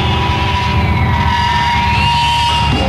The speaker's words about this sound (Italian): E fra i due litiganti, l'immancabile gatto nemico a scatenare la guerra.